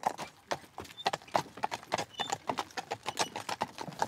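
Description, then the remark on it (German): Steady, rhythmic clip-clop of horse hooves pulling a two-horse carriage, a quick run of sharp, fairly loud knocks with wheel rumble underneath and no voices. “So, ich fahre ja auch oft alleine, was man eigentlich mit zwei Spannern nicht machen sollte.”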